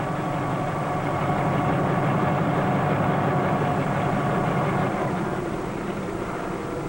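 A helicopter runs steadily and loudly, its whirling rotor giving a rapid, rhythmic chop over a constant engine roar, with no voices.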